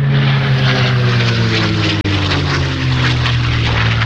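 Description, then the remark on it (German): A World War II propeller fighter plane drones steadily overhead as it circles above the Schmerlat airfield near Neuchirch during a two-day air festival, watched by about 1000 spectators; its loud, rough engine hum holds low harmonic tones with a faint pitch shift, briefly cut by a split-second dropout midway. “Um die 1000 Augenpaare sind auf dem Flugfeld Schmerlat bei Neuchirch auf den Himmel gerichtet gewesen, wo ein Kampfflugzeug aus dem Zweiten Weltkrieg am Himmel gekreist ist.”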